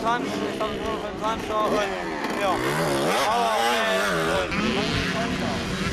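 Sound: racing motorcycle engine revving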